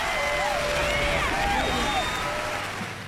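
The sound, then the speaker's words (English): An audience claps steadily for about three seconds, a dense even patter with high whistles and cheers rising over it, then the sound eases off slightly at the end. The applause follows a singing performance. “Give me some applause for that.”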